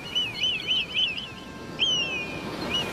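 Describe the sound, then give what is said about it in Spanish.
An eagle named Kiki calls in a quick run of thin, high chirps, then pauses before a longer descending piping cry and one last short note, heard clearly over faint background noise. “Los piratas no tienen águilas, tienen loros.”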